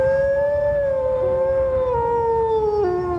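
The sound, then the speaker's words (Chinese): A pack of arctic wolves howl together, calling out for their lost leader, in long, sustained, overlapping tones that drift slowly downward in pitch, steady and loud throughout over a low rumbling background, with no talking. “然而他走了，北极狼群失去了经验丰富的首领。”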